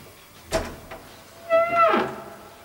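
A short metallic clink of a chain being hooked onto a door, then the door is cautiously and slowly opened, creaking with a drawn-out, squeaky hinge groan, quiet, with no voices.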